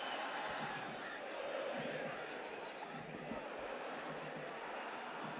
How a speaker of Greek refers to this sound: Εισπράττει την γιούχα των οπαδών των υπεδούχων.